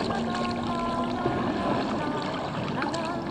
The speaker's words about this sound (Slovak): Pokojný ako voda kanálov, po ktorých sa plaví moja gondola.